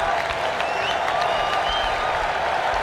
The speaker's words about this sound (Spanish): Bien, señor Gualtemade a la cancha. La gente aplaude a Sané.